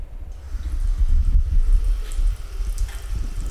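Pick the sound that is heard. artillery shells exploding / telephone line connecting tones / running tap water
running tap water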